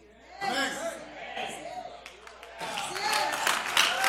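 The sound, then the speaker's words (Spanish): An audience breaks into applause, a dense wash of clapping that swells and grows louder toward the end, with murmuring voices and chatter mixed in underneath. “Los escépticos desgraciados que no aplaudieron, les voy a dar una.”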